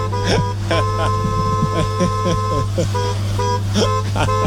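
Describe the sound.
The musical horn of a white Volkswagen van plays a quick sequence of tooting notes, loud, at a campsite in the morning, with a steady low hum underneath and a voice briefly audible.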